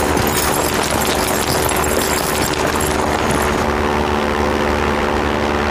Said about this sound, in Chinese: 哎，是飞机！ 哎， 是不是谷主前来给我们送东西了？ 哎。那为什么不往我们这儿投啊？你看都飞走了。